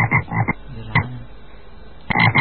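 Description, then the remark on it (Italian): Frogs croak in quick, rhythmic bursts, a cluster of loud pulses at the start, a single croak in the middle, and another burst at the end, clear with no talking. “E ce lo comunicano le rane.”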